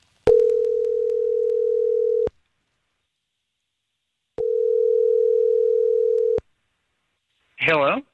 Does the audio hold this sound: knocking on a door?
no